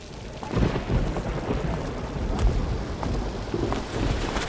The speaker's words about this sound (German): Mein Chef lässt mich Überstunden kloppen und ich muss durch den Regen laufen, nur weil der scheiß Bus heute nicht mehr fährt.